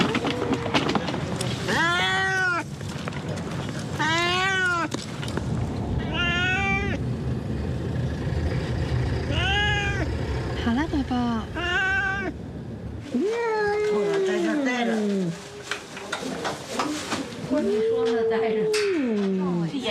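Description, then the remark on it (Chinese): A cat meows loudly and repeatedly, a string of drawn-out, wavering yowls with short pauses between them, over steady background noise and some muffled shuffling, as a person grabs the house cat from behind at the left of a box to put it into the box. “箱子的左边一个人从背后拿猫的。”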